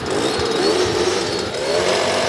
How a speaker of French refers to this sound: C'est à coup d'atomiseur qu'un puissant insecticide a été disséminé hier soir à Fuy, dans le quartier où réside la personne contaminée.